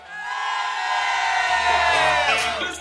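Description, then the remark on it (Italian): A group of people lets out a loud, sustained shout together on a count of three, a general shout of greeting to radio listeners, many voices blending into one long, rising-then-falling yell lasting about three seconds. “Al mio tre vogliamo fare un urlo generale”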